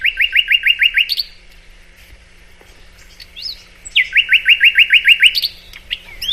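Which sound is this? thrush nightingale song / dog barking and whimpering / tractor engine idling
thrush nightingale song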